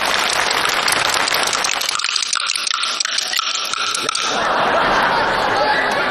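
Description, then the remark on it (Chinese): Bamboo clappers clack in a ragged, uneven rhythm, the strikes landing out of step as two performers in a duet fail to play together, nearly buried under a live audience's continuous laughter and applause. “这个板可得打齐了。”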